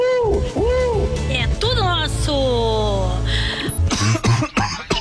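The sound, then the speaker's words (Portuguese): A person coughs and hacks repeatedly, with loud, strained, croaky bursts that run together over several seconds, with a steady low hum underneath. “Vai um xaropinho pra essa tosse aí, ó.”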